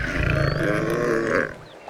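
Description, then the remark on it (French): A large maned lion resting in the shade of a tree lets out a long, deep, groaning yawn, a loud rumbling exhale lasting over a second before trailing off into quiet. “Il bâille.”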